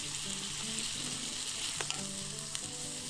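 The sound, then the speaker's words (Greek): A pan sizzles steadily with a constant crackling hiss while skioufichta pasta is stirred through a mushroom and broth sauce for a minute or two, giving a few brief scraping clicks and soft wet shuffles. No one speaks. “Πάμε και τα σκιουφιχτά. Ανακατεύουμε για 1-2 λεπτά, κατεβάζουμε και ρίχνουμε το γιαούρτι.”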